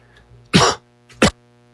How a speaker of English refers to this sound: You have to excuse me. I've got a cough today.